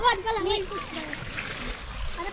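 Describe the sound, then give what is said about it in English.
Water splashes and gurgles steadily as it is poured into a planting hole in the ground while children plant fruit trees with gardener Costa Georgiadis, the children's voices chattering excitedly over the pouring. “Who wants to pour this in?”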